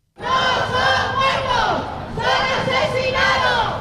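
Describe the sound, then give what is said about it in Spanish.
A loud protest crowd of about fifty people from associations of DANA victims chants "asesino" ("murderer") in unison at the gates of the Congress, demanding that Carles Mazón be held responsible and jailed; the shouted word rises and falls twice in a steady rhythm, many voices blending into one sustained, forceful roar. “A les portes del Congreso, tres associacions de víctimes i afectados por la DANA han exigido responsabilidades a Carles Mazón, así como su ingreso en la cárcel al grito de asesino.”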